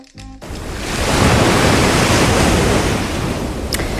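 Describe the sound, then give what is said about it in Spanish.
Sea waves wash steadily onto the shore at Barbate, Cádiz, a broad rushing surf that swells after a brief quiet start and stays loud, with a faint breezy hiss. No one speaks. “La primera historia de la banda del patio nos lleva esta tarde a Barbate, a Cádiz, frente al mar.”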